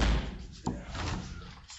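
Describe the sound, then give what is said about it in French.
A push door in a professional kitchen is struck open with one hard fist blow, a single loud, sharp thud with a short rattle, set against steady background room noise. “Une porte coup de poing. Ça s'ouvre comme ça, on met un grand coup de poing.”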